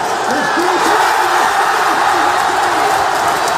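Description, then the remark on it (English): Scottish football fans at a watch party in Glasgow roar in celebration at the final whistle as Scotland win their first World Cup match in 36 years, many voices shouting and whooping together in a dense, loud, unbroken wall of cheering that holds steady from start to finish. “That's how the final whistle was celebrated at a watch party in Glasgow, as Scotland won their first World Cup match in 36 years.”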